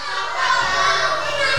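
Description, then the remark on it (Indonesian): Several children's voices imitate a rooster crowing together in one loud, sustained, high-pitched call that holds steady to the end, clear, answering a teacher's question about how a rooster sounds. “Bagaimana bunyinya ayam jantan?”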